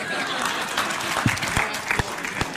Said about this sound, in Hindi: तालियों के साथ आप सभी का बहुत बहुत धन्यवाद हमारे साथ इस कार्यक्रम में शामिल होने के लिए।